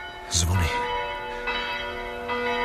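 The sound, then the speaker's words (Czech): Church bells of Černý Chlumec ring out with long, overlapping humming tones, struck again every second or so and lingering throughout. A brief voice sounds near the start. “zvony”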